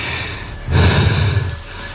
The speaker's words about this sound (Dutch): Sorry, ik hijg ook heel erg.